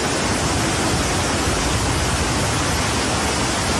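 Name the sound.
torrential rain pouring down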